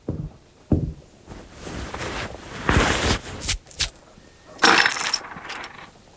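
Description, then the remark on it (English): Gold coins clink and jingle in several bright, metallic bursts, fairly loud, with a faint low thud at the start and no voices. “Gold coins in gear. Fine currency for a peck of travelers.”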